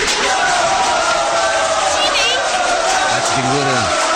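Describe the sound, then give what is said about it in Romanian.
Sustained applause from a large audience at a Romanian-language stage performance of Othello, dense and steady for the whole stretch, with a voice briefly calling out near the end. “Taci odată, lasă-ți aplaude până la capăt.”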